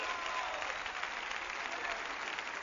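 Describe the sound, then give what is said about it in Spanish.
A steady wash of audience applause, many hands clapping at once in a dense, continuous patter that holds an even level throughout without pausing or fading. “aplauso a él.”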